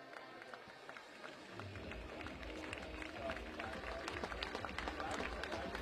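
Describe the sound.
Scattered, lukewarm applause from a baseball crowd for Ragusa as he comes off after a full inning, with sparse claps over a steady murmur of voices and a low rumble that swells slightly after the first couple of seconds.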